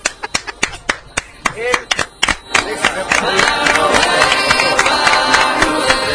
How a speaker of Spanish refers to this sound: Déjeme aplaudir porque es brillante.